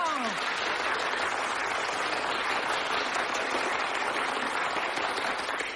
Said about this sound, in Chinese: 长时间鼓掌。